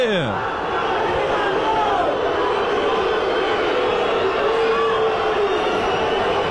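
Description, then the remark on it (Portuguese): A huge football stadium crowd boos referee Felipe Fernandes de Lima as he leaves the field, in a sustained, dense roar that fills the whole stretch without letting up, with a man's voice speaking briefly near the start. “A vaia tá comendo em cima do couro do juizão Felipe Fernandes de Lima.”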